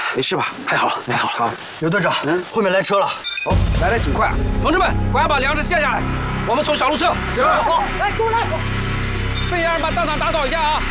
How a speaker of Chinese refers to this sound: 刘队长，后面来车了。 哦，来得挺快。